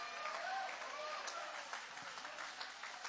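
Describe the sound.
A crowd raises their hands and claps steadily for about three seconds, a dense patter of many hands with a few raised voices calling out through the applause.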